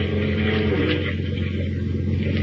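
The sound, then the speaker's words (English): The diesel engine of the Nancy Ruth, a diesel-powered fishing boat heading east toward the open sea over choppy waters in swirling gray fog, drones steadily, its deep harmonic hum holding a constant pitch and loudness under a broad wash of noise, with no voices. “As we continue now, we join Lois and Horatio Horn aboard the Nancy Ruth, Captain Marble's diesel-powered fishing boat.”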